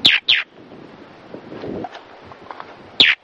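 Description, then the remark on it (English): Galapagos mockingbird giving shrill, harsh alarm calls, used to warn of an approaching hawk: two quick bursts, a pause, then two more, loud over steady wind and outdoor rustle. “They have this pretty distinctive shrill alarm call.”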